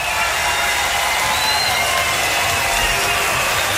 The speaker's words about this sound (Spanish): ¡Fuerte el aplauso!